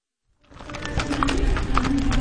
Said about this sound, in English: A black and white horse trots confidently to an outdoor arena that he knows well. It transforms into a stage for Eastern Oregon history every September. Dancer knows the routine.